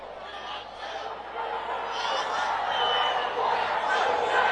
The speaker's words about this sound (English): People thumbs down and booing.